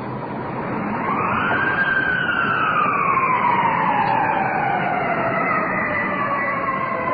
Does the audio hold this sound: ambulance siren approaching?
yes